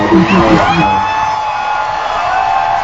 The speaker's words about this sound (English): I haven't heard the roar of a crowd in 4 years.